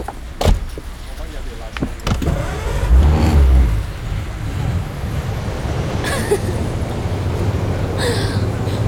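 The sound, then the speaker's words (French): A couple of sharp clunks as a car door opens and shuts as someone gets in behind the wheel, then an engine turns over and settles into a steady, low idle. “Il ouvrit la voiture et s'assit au volant.”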